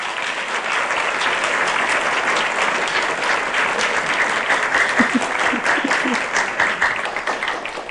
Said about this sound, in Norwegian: Det er en fest, og det gir vi en kjempestor applaus for.